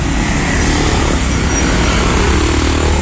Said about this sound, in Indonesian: Oh ini kondisi lalu lintasnya di sekitaran jembatan Ranugrati. Memang belum ada petugas ya, tapi dibantu warga untuk pengurayan lalu lintasnya.